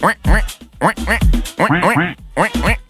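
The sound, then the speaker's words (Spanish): A person voices a rapid run of nasal, duck-like quacks, about nine or ten short bursts in uneven clusters, loud with no other sounds around them. “Y la niñita le dice a la mamá: mamá, ¿quién imita también a los patos?”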